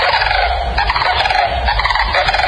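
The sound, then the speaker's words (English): A loud, continuous rolling bugle call of a sandhill crane fills the whole stretch, a rattling, trumpeting call with a rapid pulsing texture, strong, with no voices. “The bird's long neck holds an extended trachea that curls into the sternum and helps it create its loud, rattling bugle call that echoes from miles across the plains.”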